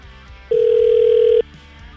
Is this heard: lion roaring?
no